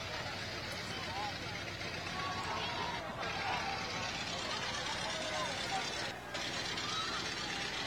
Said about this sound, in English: All right. We have some old-time cars coming through.